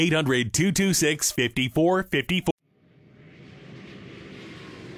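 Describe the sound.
A voice speaks briefly, then cuts off as the steady roar of an airplane engine swells in, a broad rumble with airy hiss that grows louder and holds.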